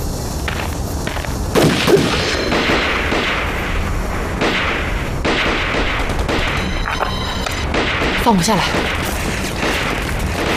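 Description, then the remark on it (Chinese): Scattered gunshots crack out as sharp bursts from the hillside opposite, over a dense, continuous rumble of battle noise, while a man speaks a brief line partway through. “枪声是从对面山坡上传过来的。”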